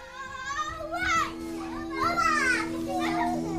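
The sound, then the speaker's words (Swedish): The speaker's children shout and squeal energetically while running around the speaker's legs in the kitchen, their high-pitched voices rising and falling in lively bursts over a steady low hum. “När de fulla av energi springer runt mina ben när jag står i köket.”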